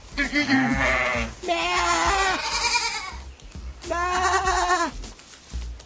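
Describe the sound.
A person imitates a male goat with three wavering, nasal bleats, the middle and last ones long and drawn out, loud, with brief pauses between calls.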